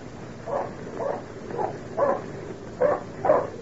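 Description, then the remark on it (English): A dog, Badger, barks six times by the edge of the old tin working in a steady, evenly spaced rhythm, each bark short and full, over a faint background hiss with no voices. “He'd never bark that way for nothing.”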